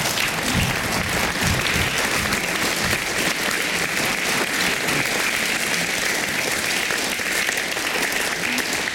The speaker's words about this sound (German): Sie haben sie schon gehört und ich bitte noch mal um einen tosenden Applaus.